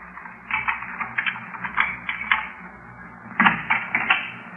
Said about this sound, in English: Listen. What is it, dear? I thought I heard footsteps outside the house. Footsteps? Just listen.